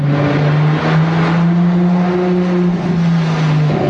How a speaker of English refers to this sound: you might associate this sound with a Ferrari car.